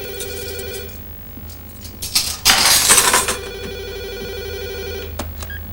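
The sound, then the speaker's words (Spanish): A brief, loud jangle of several pieces of cutlery being grabbed from a kitchen drawer bursts out midway, while a telephone rings steadily throughout in the background. “Coge varios cubiertos de un cajón de la cocina.”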